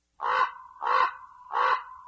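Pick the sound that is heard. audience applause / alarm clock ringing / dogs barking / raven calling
raven calling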